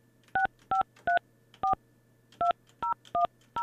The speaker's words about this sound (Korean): 자, 신호 가고 있습니다. 5년 방학생 2010번님. 자, 2010번님. 신호 가고 있어요. 전화 안 받으시네요.